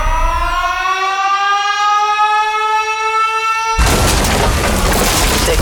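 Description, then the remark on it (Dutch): A loud, steady wailing siren holds its pitch for several seconds, then is cut off abruptly by a bomb explosion whose harsh, roaring blast fills the last couple of seconds. “Is ontploft.”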